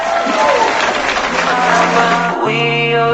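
A burst of dense applause with some cheering fills the first two seconds or so, then a steady, tonal musical chord takes over for the final stretch. No one speaks.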